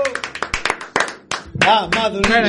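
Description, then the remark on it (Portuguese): A quick run of sharp, rhythmic hand claps, like a small audience applauding, gives way to loud voices calling out over the last of the clapping. “Por favor, falta aplauso, que non marche.”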